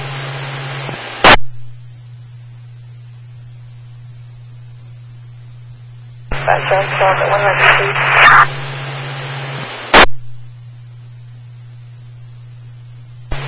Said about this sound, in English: Other unit with traffic, you're all static.